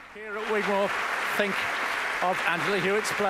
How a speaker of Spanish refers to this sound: Y escuchamos cómo la audiencia sigue aplaudiendo en el Gigmore Hall a Angela Hewitt.